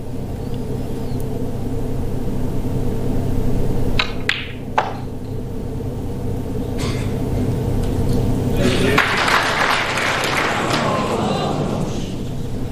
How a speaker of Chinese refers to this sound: 对，这个掌声有一点戛然而止啊